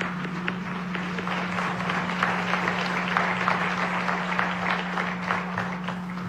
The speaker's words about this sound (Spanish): Bienvenidos. Sí, un fuerte aplauso.